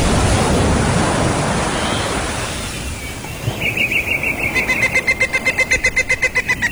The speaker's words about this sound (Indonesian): Saudara-saudaranya yang tercinta, laut yang menderu memukul-mukul ke pantai.